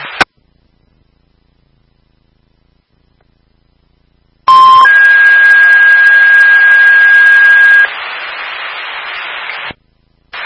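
A fire dispatch alert tone over a radio: a short lower beep, then a long steady higher tone lasting about three seconds, backed by loud hiss and static that continues after.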